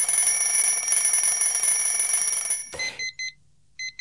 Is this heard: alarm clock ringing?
yes